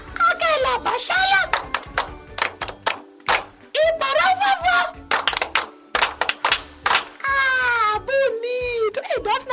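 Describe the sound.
Quick, sharp hand claps in an uneven run, mixed with high-pitched children's voices squealing and chattering over and between the claps.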